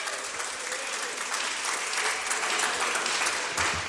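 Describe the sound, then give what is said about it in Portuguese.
A church audience claps steadily and enthusiastically to welcome a woman preacher, a dense wash of many hands filling the space for several seconds, with faint voices mixed in. “Vamos receber a serva do Senhor com alegria, com palmas, para Jesus, mais alegre as palmas.”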